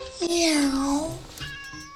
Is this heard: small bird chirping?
no